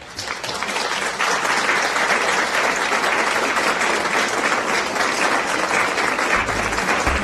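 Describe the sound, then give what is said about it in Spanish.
A crowd applauds contestants for a correct quiz answer, steadily for several seconds, a dense, even patter of many hands clapping at a constant loud level with no speech over it. “Y ustedes tienen aplausos.”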